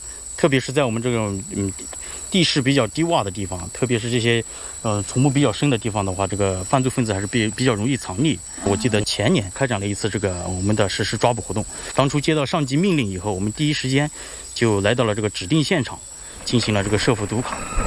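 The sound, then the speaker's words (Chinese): Steady, high-pitched insect chorus, like crickets, in a tropical rainforest on a border patrol route, just after rain with the weather turning sunny, drones continuously beneath conversation, staying constant and fairly faint under the voices throughout. “而且我看这些虫子什么的挺多的，在上面会有一些毒蛇这种，就很危险的情况吗？”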